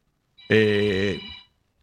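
A mobile phone ringtone sounds in a single short, bright electronic burst lasting about a second, fairly loud, then cuts off into silence.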